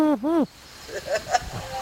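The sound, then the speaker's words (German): A person imitates a wood pigeon's coo with two quick, loud, hooting notes rising and falling in pitch, followed by faint, murmured voices in the background. “Genau, Ringeltaube haben wir auch.”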